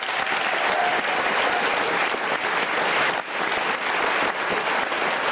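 Sustained audience applause at a live talk show, a dense wash of many hands clapping at steady loudness for about five seconds with a brief dip near the middle, no voices standing out.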